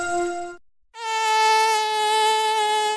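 A mosquito whines in two stretches: a brief lower-pitched buzz, a short silence, then a longer, higher, steady droning whine that holds on to the end. No one speaks.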